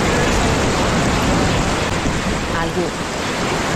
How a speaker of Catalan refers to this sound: Imagineu les sèquies recorrent els nostres camps. L'aigua avançant a poc fins a trobar un estellaor.